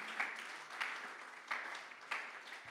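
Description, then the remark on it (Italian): A small crowd applauds steadily for a few seconds for an absent social manager, a dense patter of hand claps with several brief louder swells, without any voices. “la nostra social manager in questo momento lontana, sì vai con l'applauso, dovrebbe starci ascoltando,”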